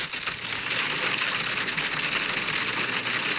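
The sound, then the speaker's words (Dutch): Hail pelts a car during a heavy hail shower, heard from inside the car, as a dense, loud, unbroken clatter of countless tiny impacts that roars steadily for the whole stretch, with no voices. “Ja, je gaat het niet geloven, maar zo klonk het dus in mijn auto.”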